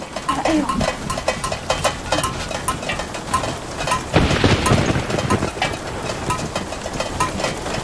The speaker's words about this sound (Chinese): 哎呦！房子一下雨就漏水，这也不是个事儿啊。